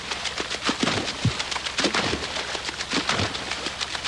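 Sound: water splashing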